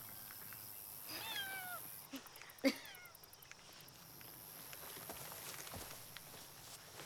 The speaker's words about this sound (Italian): C'è un gatto là dentro.